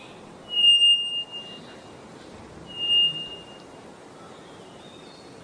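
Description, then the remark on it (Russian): A bellbird gives loud, piercing, pure-toned calls, two strong ringing notes followed by fainter ones, ending with a sharp metallic ding. No one speaks. “Потому что такое впечатление, что там в какую-то металлическую рельсу кто-то бьет.”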